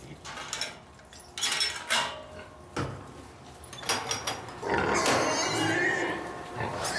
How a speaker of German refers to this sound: Wir lassen das Schwein erstmal rein zum Fressen und machen dann in Ruhe hier sauber. Auf die Plätze, fertig, los. So, Schweinis, Achtung, Achtung.